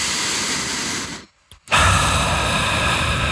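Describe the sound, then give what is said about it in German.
A long, deep breath drawn in through the nose, a steady airy rush that stops briefly, then resumes as a fuller, louder inhale. No one speaks. “Und zwar atmet mal ganz tief ein.”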